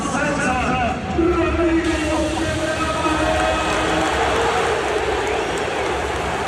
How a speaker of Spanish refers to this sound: Al final, Capel llega eligiendo al Barça por delante del Madrid, y eso sí cabe, hace que la gente aplauda con un poquito más de fuerza, ¿no?